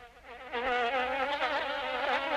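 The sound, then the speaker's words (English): A steady mosquito whine hums continuously in springtime, wavering slightly in pitch as it hovers, with no voices present. “Springtime is when mosquitoes come out in full force.”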